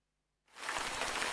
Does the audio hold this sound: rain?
yes